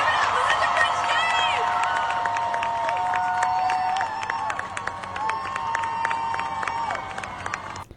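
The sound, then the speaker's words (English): A large crowd at a charity fundraising event applauds and cheers for about eight seconds as a woman is brought out, with dense steady clapping and high whoops and shouts rising over it, easing slightly halfway before cutting off. “Can you guys give her the biggest round of applause you've given anyone tonight?”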